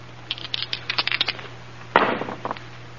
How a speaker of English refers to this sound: All right. Roll the dice.